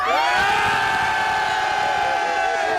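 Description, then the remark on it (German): A choir in Obersontheim shouting as loudly as they can all at once, a sustained, dense roar of many high-pitched voices that holds steady for about three seconds. “Und jetzt dürft ihr einmal ganz laut schreien.”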